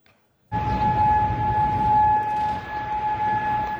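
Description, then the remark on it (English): An air raid siren in Kuwait, sounding during missile and drone attacks, starts abruptly and holds a loud, steady wailing tone over a rumbling, noisy outdoor background, carrying on without pause. “The claim comes as sirens were heard across Kuwait.”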